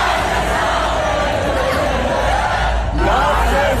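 Thousands of fans in the stands at the Zandvoort circuit sing together before the Dutch Grand Prix in a sustained, loud wash of voices, a steady chanted melody with no pauses, rising slightly near the end.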